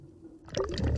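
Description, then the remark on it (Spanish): Ocean water is poured into a small sample bottle as water samples are taken for later laboratory analysis, a burbling, gurgling fill that starts abruptly about halfway through after a low background rumble and grows louder toward the end. “Lucy toma muestras de agua que luego analizará en el laboratorio.”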